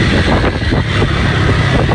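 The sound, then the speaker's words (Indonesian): A loud, steady rumble of idling and slow-moving vehicles in a long traffic jam at the LA Sucipto traffic-light intersection, a dense low engine drone with wind buffeting the microphone and no clear horns or voices. “Ini macet panjang ya. Macetnya panjang sekali.”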